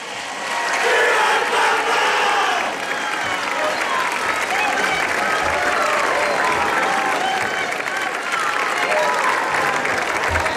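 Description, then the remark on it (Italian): A large outdoor crowd gathered in Piazza della Libertà in the historic centre of Castel Gandolfo cheers and applauds continuously, a dense wash of clapping and voices shouting together that stays loud and steady throughout, with no single speaker standing out. “E su questo grido della folla radunata in Piazza della Libertà nel centro storico di Castel Gandolfo rientriamo”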